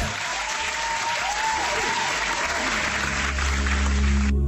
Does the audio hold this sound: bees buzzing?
no